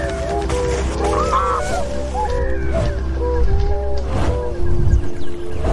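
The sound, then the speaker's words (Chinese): A flock of tundra swans honks in an overlapping, continuous chorus of nasal calls, some louder, over a steady low rumble of open water at Wuliangsuhai in China, where they rest and feed during migration before flying on to Siberia. “短暂休整及补充营养后，小天鹅便会继续飞往西伯利亚。”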